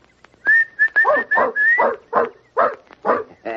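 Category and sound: animal, dog barking and whimpering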